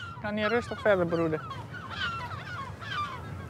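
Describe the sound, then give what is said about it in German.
Several harsh, honking gull calls ring out in quick succession at a breeding colony where gulls ring the spoonbills, followed by thinner, higher cries over a steady background murmur of the busy colony. “Die Löffelreiher sind in der Mitte und die Möwen platzieren sich wie ein Schutzring drumherum.”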